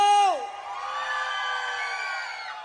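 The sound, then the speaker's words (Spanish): A loud crowd at a nighttime event celebrating 20 years in the port of Veracruz erupts in shouts and cheers, opening with a sharp rising whoop that settles into a sustained roar of many voices for a couple of seconds. “¡Un grito!”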